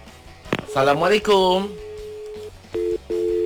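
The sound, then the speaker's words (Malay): A phone line tone from a listener's incoming call to a radio program: a steady electronic hum that stops, then two short, even beeps close together, heard after a brief burst of voice-like sound at moderate loudness. “Baik, kita ada pendengar yang telefon kita dikonti.”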